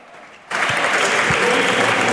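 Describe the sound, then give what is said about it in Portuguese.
Applause from PSD deputies in a parliament standing committee session bursts in after a brief quiet moment, a dense, steady wash of many hands clapping at full volume that carries on without a break. “Aplausos do PSD e não, ninguém do CDS, porque nesta comissão permanente apenas está presente Paulo Núcio.”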